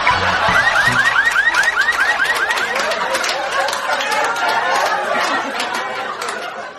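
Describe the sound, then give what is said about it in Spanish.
A loud car alarm blares in rapid, repeating rising whoops that shift into a warbling pattern, with faint background voices underneath throughout. “El hombre le responde: no se preocupe, amigo, mi auto tiene alarma.”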